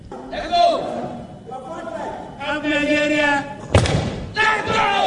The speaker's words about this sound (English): Yeah, that is really super solid. As the crowd yells, let's go.